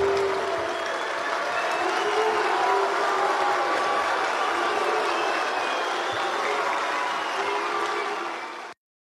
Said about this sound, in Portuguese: Pronto, resgatamos rapidamente a vaia de ontem e a diferença de recepção.